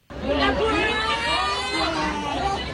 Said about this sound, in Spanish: Gritos, cantos y sobre todo una protesta común. Los estudiantes del Liceo Gutenberg de Créteil, a las afueras de París, se unieron a la jornada de bloqueos y manifestaciones convocada en Francia para pedir unas mejores condiciones para sus estudios.